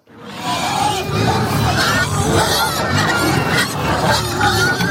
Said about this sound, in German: Ein saumässiger Lärm. Im wahrsten Sinn, weil es so tönt, wenn 35 Schweine darauf warten, dass es Futter gibt.